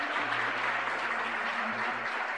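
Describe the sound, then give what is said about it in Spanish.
Sustained applause from a crowd for the Lord Jesus, a dense steady patter of many hands clapping at an even loudness, with a low hum or organ-like tone running underneath. “Un fuerte aplauso para el Señor Jesús.”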